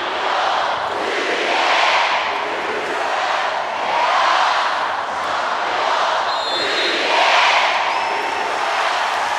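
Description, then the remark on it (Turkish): A large arena crowd cheers loudly and steadily in support of their team during a match against France, swelling in rhythmic waves about every two to three seconds like a chant, with a few sharp whistles cutting through. “Seyircilerimizin bu çok güzel desteği sanıyorum sizlere kadar geldi.”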